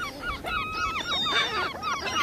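A chorus of seagulls on an island calling over one another, with many shrill, wavering cries overlapping in a dense flock and no pauses between them.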